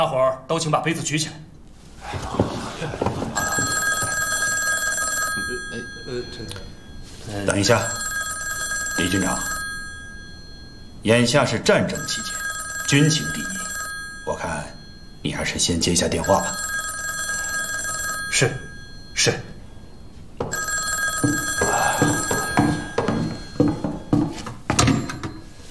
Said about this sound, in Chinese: 等一下，李军长，眼下是战争期间，军情第一，我看你还是先接一下电话吧。